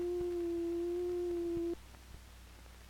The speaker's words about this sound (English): Built into the synthesizer are a number of oscillators. These oscillators produce sound electronically. Each oscillator produces a different kind of sound with a different wave form. This is a sine wave.